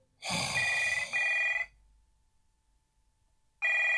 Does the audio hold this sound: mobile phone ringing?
yes